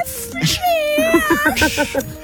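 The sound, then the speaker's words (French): A person imitates a cat's meow: a drawn-out, wavering nasal wail followed by a quick run of short, whiny mewing sounds, fairly loud. “tu nous referais le petit chat, vas-y”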